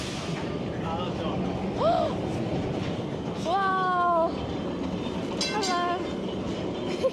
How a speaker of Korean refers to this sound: 와, 너무 예쁘다! 기차가 너무 앤틱하고 예쁜데요? 상점 사이로 트램이 지나가는데요. 20세기 초부터 운행된 트램은 예전에는 주민들의 교통수단이었지만요. 이제는 관광 트램으로 운영됩니다.